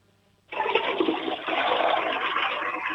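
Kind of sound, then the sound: household object, toilet flush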